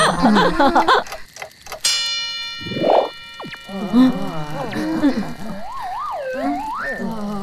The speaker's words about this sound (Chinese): 你们知道青蛙为什么会孤独终老吗？因为它一直咕呱咕呱的叫。